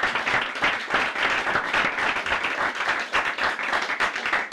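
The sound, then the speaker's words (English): A crowd applauds everyone who took part in the Reggae Beat 5-Hour Spectacular Day, steadily for several seconds, a dense, even wash of many hands clapping at a fairly loud level, with no voices standing out above it. “I want everybody to join in a warm round of applause for everyone who took part in the Reggae Beat 5-Hour Spectacular Day,”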